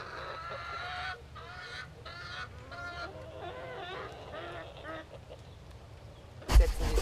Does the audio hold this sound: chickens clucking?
yes